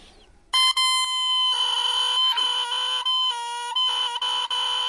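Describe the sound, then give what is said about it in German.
A bare oboe reed, hand-carved from thin cane by an oboist, is blown on its own without the oboe, giving a loud, shrill, buzzy squeal that wavers and breaks in pitch over several seconds, sounding like a rooster crowing. “Und wenn ich jetzt da reinpuste, da reinblase, dann klingt das so.”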